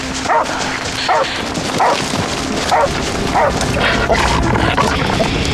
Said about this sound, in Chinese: 报告领导，警犬星帮发现可疑物，请指示。